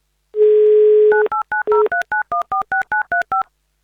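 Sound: telephone number being dialed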